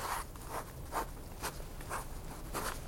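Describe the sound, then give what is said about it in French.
Someone draws diagrams on a piece of paper with a pen or pencil, making soft, scratchy strokes in a loose rhythm of about two per second. The sound is quiet, with no talking. “Il cesse de parler, prend un morceau de papier et se met à y tracer quelques diagrammes.”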